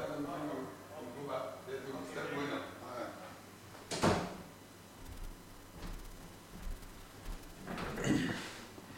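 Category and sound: household object, door being opened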